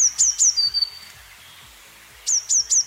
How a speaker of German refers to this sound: Eine Blaumeise, genau.